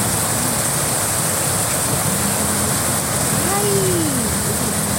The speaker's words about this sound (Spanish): Esto es en el Parque Villa Colombia. Oye, sí, qué tronco aguacero. Está lloviendo durísimo.